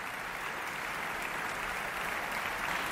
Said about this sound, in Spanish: Aplausos para la Orquesta Sinfónica de Barcelona y Nacional de Cataluña y para Ludovic Morlot, después del concertino para orquesta de cuerda de Robert Gerhard que acabamos de escuchar desde el Auditori de Barcelona.